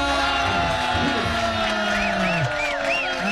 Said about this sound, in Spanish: ¡Aplausos!